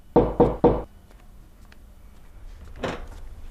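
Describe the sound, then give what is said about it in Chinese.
Three quick, firm knocks on a door, evenly spaced, followed by a quiet pause and a single muffled thud or shuffle a few seconds later. “我先挂了，有人敲门。”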